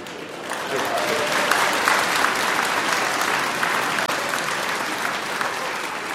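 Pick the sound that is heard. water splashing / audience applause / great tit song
audience applause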